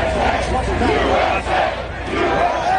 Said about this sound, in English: Crowds chanting even as they're told to evacuate due to approaching storms.